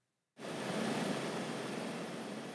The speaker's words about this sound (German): 15 Minuten Flug über das offene Meer. Der Hubschrauber ist wichtig, um abgelegene Leuchttürme zu erreichen, die bis heute für die Schifffahrt wichtig sind.